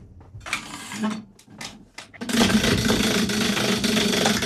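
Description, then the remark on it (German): A prize wheel is spun very hard: a few short knocks and rattles, then a steady, loud, fast clattering of ticks as the wheel whirls, continuing to the end. “Wie fest soll ich drehen? Ganz fest.”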